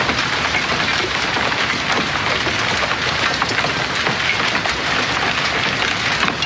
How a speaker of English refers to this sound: I want to press play on a piece of audio here as it pertains to hail.